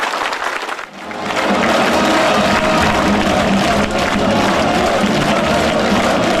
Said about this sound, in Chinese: 习近平和金正恩对演员们的精彩表演频频鼓掌致意。